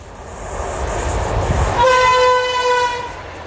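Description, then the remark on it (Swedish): A passing train blows its horn in one sustained, steady blast lasting over a second, rising above the low rumble of the rolling cars, with no one speaking. The driver honks as a traditional salute to a spruce tree. “Och än idag tradition att man hälsar och tutar och visar ära för det här trädet som är en gran.”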